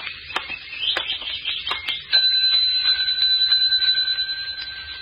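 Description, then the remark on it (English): A service bell on the front desk of the Lakeside Inn is tapped several times in quick succession, then struck once more firmly and left to ring out with a clear, sustained metallic tone. No voices. “Oh, there's a bell over there on the desk.”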